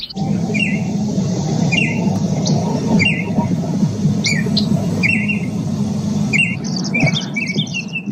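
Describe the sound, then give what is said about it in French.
Several bird species found in Canada call over a steady low rumble: sharp, repeated chirping phrases every second or so, then a quicker run of high twittering near the end. No one speaks. “Ce sont de certaines des nombreuses espèces d'oiseaux qu'on peut trouver au Canada.”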